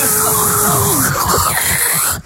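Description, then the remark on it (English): A voice imitates a dental drill whirring: a loud, steady whine over a hissy, breathy noise, its pitch bending and rising, sustained for about two seconds before cutting off. “Just the noise of that whirring of that drill is horrendous.”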